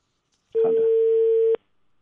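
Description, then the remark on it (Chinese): A single steady telephone ringback tone sounds for about one second, loud with a flat, unwavering pitch, then cuts off into near silence, as a call is placed to the city management office. “要不先打一下城管，先打城管的电话，因为是城管直接管的，城管的电话接不通，我们再打街道的电话。”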